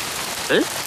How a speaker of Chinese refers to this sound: 浑身湿透，赶紧回家。哎，好好的突然下雨